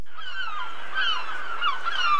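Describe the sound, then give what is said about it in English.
Seagulls calling in a steady, overlapping chorus of harsh, nasal squawks that rise and fall, moderately loud, with no one speaking. “What is a gull? Be more specific. What is a seagull? Seagull, yes.”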